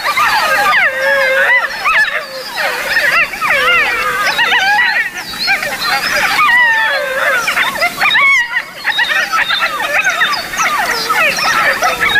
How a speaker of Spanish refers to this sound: en septiembre, con mucha suerte, insisto, se puede escuchar a un grupo, una manada, pero solamente a los cachorros. Ah. Los cachorros que han nacido esta primavera están reunidos y, respondiendo al adulto que aulló antes, mantienen estos parloteos.